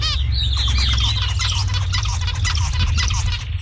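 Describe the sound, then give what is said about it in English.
A busy run of zebra finch song, with quick chirpy, squeaky and nasal notes repeated in rapid bursts, fairly loud over a steady low hum throughout. “So one of those examples is actually the zebra finch.”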